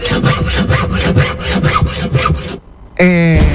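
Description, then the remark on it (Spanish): A hand saw, used as a sawing sound effect for cutting something off, rasps through wood in about ten quick, rhythmic back-and-forth strokes, stops abruptly, and after a brief pause a short, steady humming tone begins. “Se la corto.”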